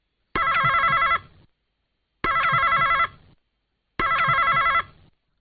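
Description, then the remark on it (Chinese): A telephone rings three times as an old lady's call to a veterinarian's pet clinic connects, in evenly spaced bursts, each a loud, warbling ring lasting under a second with brief silence between, heard clearly on its own with no voices. “一位老太太拨通了兽医的电话。”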